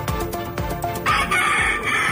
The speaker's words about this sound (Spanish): Y esto que escuchan son gallos de verdad, intervenidos en un criadero ilegal de Alhaurín el Grande. Un total de 26 gallos de pelea han sido incautados.